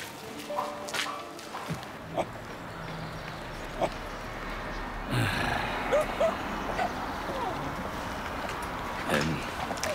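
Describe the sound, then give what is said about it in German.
A dog gives a few short, sharp barks spaced a couple of seconds apart, set against a busy, noisy outdoor background with some faint voices. “Das ist nicht mein Hund.”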